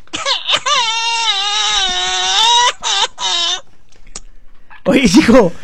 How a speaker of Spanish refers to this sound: A ver, otra vez pone el niño llorando.